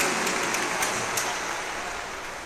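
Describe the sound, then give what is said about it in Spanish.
A crowd at an evening vigil applauds steadily, a dense wash of many hands clapping at once, holding an even, fairly loud level with no voices over it for the whole stretch. “Nuevamente el aplauso.”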